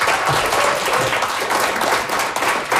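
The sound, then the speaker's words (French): A crowd applauds two guests on a radio show, a dense wash of many hands clapping at a constant loud level for a few seconds, with no voices standing out. “Je pense qu'on les applaudit très fort.”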